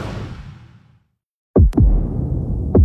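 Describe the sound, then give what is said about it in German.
A fading low rumble drops to silence, then a heartbeat sound effect enters: deep, booming thumps in a double beat followed by another about a second later, loud over a steady low drone, used in an advertisement for apprenticeships. “Manchmal fühlt sich die Zukunft an wie Herzklopfen.”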